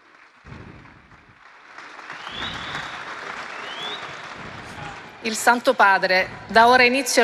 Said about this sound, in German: Papst Leo ist auf dem Sagrato angekommen. Gleich wird er diese Generalaudienz eröffnen. Ganz herzlich willkommen nochmal allen. Es gibt Applaus für Papst Leo den 14., der jetzt seinen Platz einnimmt.